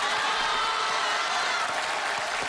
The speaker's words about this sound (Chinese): 各位，您别鼓掌